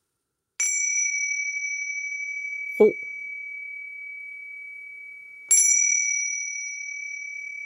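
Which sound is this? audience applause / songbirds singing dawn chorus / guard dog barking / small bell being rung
small bell being rung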